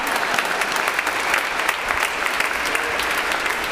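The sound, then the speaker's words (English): An audience at Mass at St. Agnes claps steadily and loudly, a dense wash of many hands with no pauses, sustained for several seconds without any voices standing out. “And oh, you could clap. You guys like to clap today.”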